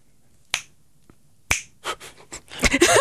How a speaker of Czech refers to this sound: Líbilo se mi, jak jsi lusknul radši dvakrát.